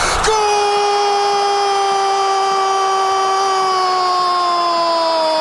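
An Argentine TV sports commentator's long, held goal scream for Messi's goal making it 3-0: one loud, unbroken vocal note that starts abruptly and slowly sags in pitch for about five seconds, with no other talk.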